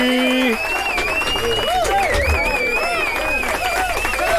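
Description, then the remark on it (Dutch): A burst of loud, steady applause with rapid clapping, mixed with whoops, cheers and high sustained whistles running throughout, welcoming a guest into the studio of the Vibes show on Galaxy Radio. “En ja, misschien moeten we hem maar gewoon alvast een Vibes applaus geven.”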